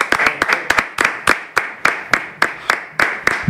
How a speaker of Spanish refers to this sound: Y ahí me he traído dos becarios de la redacción que están aquí solo para aplaudir cuando yo salga.